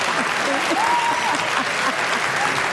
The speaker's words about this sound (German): Warum auch immer jetzt Applaus ist, weißt du so?